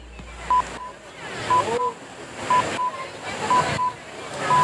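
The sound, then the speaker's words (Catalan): Radio time signal pips marking 8 p.m.: short, identical high beeps recurring about once a second, ending with a longer final tone, heard over a steady rushing wash of noise. “senyals horaris de les 8 de la tarda.”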